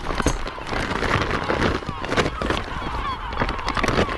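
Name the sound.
seabird calling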